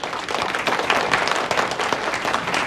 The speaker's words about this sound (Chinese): 今天我们欢聚一堂，就让我们一起为劳动者们欢呼，为这个时代喝彩。